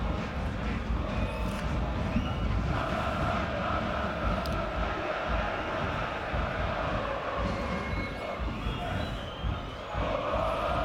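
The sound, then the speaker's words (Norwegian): A football stadium crowd roars steadily throughout an Eliteserien match between Lillestrøm and Vålerenga, a dense, unbroken wash of voices and noise with small swells but no pauses, and no single voice standing out. “Og hør på lyden fra kampen.”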